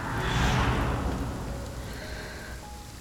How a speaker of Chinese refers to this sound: 下雨了，怎么不躲躲？